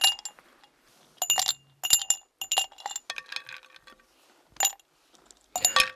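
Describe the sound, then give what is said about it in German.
Ice cubes clink and rattle against a glass in several short, bright bursts, with brief quiet gaps between the clusters of chimes. “Ich empfehle zwischendurch auch mal ein Eis am Stiel oder auch Eis im Glas mit Ihrem Lieblingsgetränk.”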